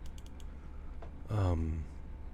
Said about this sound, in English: Clicking on something and making some things here.